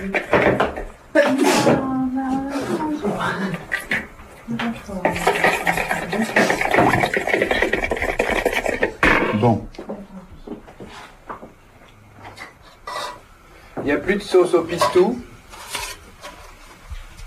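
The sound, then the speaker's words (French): Someone preparing a salad: a few seconds of busy rustling and light clattering of bowls and utensils, with people talking before and after. “C'est beau ce son. C'est moi quand je fais la salade, je suis plus musicien.”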